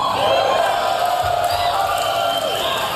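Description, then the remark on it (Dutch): A large audience at the Tesla Semi electric truck unveiling event cheers and whoops loudly and continuously, a dense wall of shouting voices with scattered high yells rising above the roar, sustained throughout. “Ja, je hoort, het publiek gleed van zijn stoel af.”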